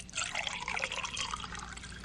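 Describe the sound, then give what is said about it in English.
Water pours steadily into a glass for a couple of seconds, a continuous bright splashing trickle with no talking. “I have some water.”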